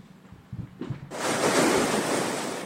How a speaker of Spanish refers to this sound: La advertencia del nuevo oleaje llega mientras en San Clemente, Manabí, ya se registran fuertes golpes de mar. Las olas alcanzaron estructuras ubicadas cerca de la playa y generaron preocupación entre habitantes de esta zona turística y pesquera.